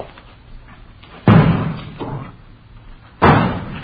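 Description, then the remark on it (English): Vegetables thrown against a front window land with two heavy, dull thuds about two seconds apart, a softer knock falling between them, with no voices. “They're throwing vegetables at that front window.”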